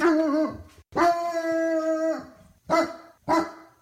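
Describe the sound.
A person imitates a dog: a wavering yelp, then a long drawn-out howl-like bark, followed by two short, sharp barks, loud and alone without any talking. The person is imitating the dog Friendly.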